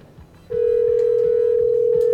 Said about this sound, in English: Well, I can dial out on air. We know that much. Figured that out.